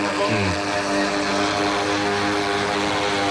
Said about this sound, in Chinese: 这台飞机应该完全不同于我们平常媒体工作用到的这个航拍无人机，比那个要大好几号。 我们无人机不是分类有40码，就是我们这种属于叫小型机了。小型无人机。航拍机在轻型机。